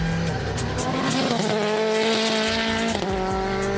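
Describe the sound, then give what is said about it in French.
A GT4 race car's engine roars continuously, its pitch climbing and dropping through a couple of gear changes, with a rough, rumbling buzz as the car runs over track curbs, which it absorbs much better than a road GT4. “Au niveau des vibreurs, la voiture absorbe beaucoup mieux les vibreurs qu'une incendie GT4 de route.”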